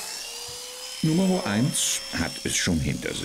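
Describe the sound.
Electric clippers shearing a sheep hum with a steady, high-pitched motor whine throughout, continuing unbroken beneath a voice speaking.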